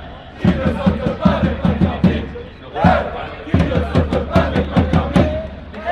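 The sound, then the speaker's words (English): A loud crowd, including the KC crowd, roars and chants at an esports LAN event, with rhythmic claps or stomps pounding out a steady beat through the sustained cheering, pausing briefly before resuming. “So different being inside the crowd rather than on screen.”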